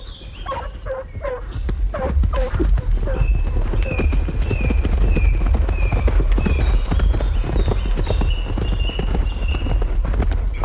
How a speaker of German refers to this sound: Der Meute Geläut und Hufe Gedröhn schallt durch die Flur